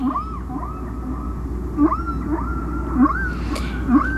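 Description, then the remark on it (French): Humpback whale song from the Payne and McVeigh record, track 4 on side A: a repeating sequence of rising moans and short upswept calls, with a steady low rumble of ocean noise underneath and no voices. “Peut-être on va écouter un autre chant du disque de Payne et McVeigh, La plage 4.”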